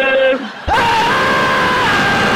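loud shouting yell

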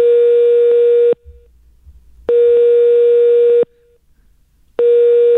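telephone ringing tone

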